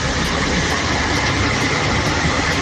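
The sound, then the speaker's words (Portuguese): A steady, dense roar of jammed traffic comes through a muffled, band-limited WhatsApp call left open, a constant low engine rumble and hiss with no breaks and no voices. “Uai, só tô ouvindo barulho do trânsito todo, molequinho.”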